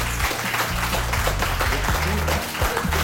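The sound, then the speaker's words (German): Loud, sustained audience applause following a thank-you to helpers for their service, a dense wash of many hands clapping steadily throughout with no break, with a low tonal hum running beneath it. “Jetzt gab es gerade richtig viel Applaus, möchte ich mal die Beteiligten selbst einfach querbeet fragen.”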